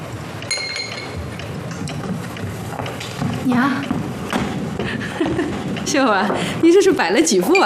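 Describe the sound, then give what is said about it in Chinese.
Four sets of bowls and chopsticks clink lightly as they are set down on a table at midday on a Sunday, a scattering of bright taps and knocks, with voices talking over the clatter. “娘，秀儿，你这是摆了几副碗筷啊？”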